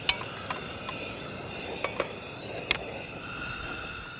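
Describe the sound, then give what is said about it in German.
Water is poured onto pumpkin in a hot pot for pumpkin soup, giving a steady, even hiss and sizzle, broken by a few sharp metallic clinks spaced irregularly. Nobody speaks. “Packen wir Wasser drauf.”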